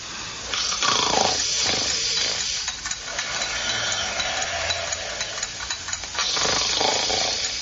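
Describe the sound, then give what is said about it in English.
A big cat roars and growls in a long, harsh, rumbling stretch, loud, with a brief dip midway before the snarling surges again. No voices are heard. “Nice cat. Oh, pretty cat.”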